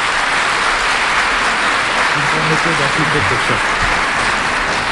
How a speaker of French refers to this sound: Vos applaudissements me font plaisir, mais j'explique toujours aux enfants le vrai sens de l'applaudissement quand nous sommes, dans une assemblée chrétienne. La main la plus élevée représente Jésus. La main la plus basse représente le chrétien.